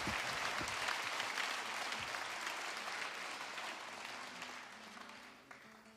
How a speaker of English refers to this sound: Thank you very much indeed. Yeah, very well clapped. Thank you.